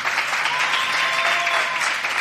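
Steady audience applause for the child president of the Falla Obispo Amigo Cuenca during a VCF Radio broadcast, a dense wash of many hands clapping at a fairly loud, even level throughout, with no voices rising above it.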